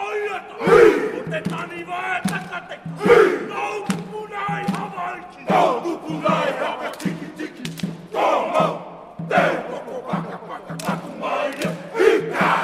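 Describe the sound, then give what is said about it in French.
Soldiers of the 40th Signal Regiment from Thionville perform a haka live before an audience, chanting loudly in unison with rhythmic shouted cries and sharp stamps and slaps, the forceful voices rising and falling in powerful bursts. “l'une des compagnies de l'armée qui est venue jouer le AK en direct devant le public”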